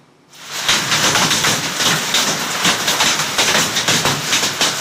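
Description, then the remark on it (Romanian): Hailstones pelting down hard in Cățune, Gorj County, Romania, at 8 in the evening, in a hailstorm lasting over 20 minutes: a dense, continuous clatter that starts abruptly and stays loud, with sharp irregular impacts rattling over a steady roar. “Comuna Cățune, județul Gorj, ora 8 seara, proaspăt, de un peste 20 de minute, așa bate piatra.”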